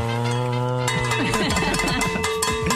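A hand bell rung on a radio show to mark National Radio Day, starting with a steady sustained tone and then clanging rapidly in repeated, jangling strikes that overlap into a continuous metallic peal; loud.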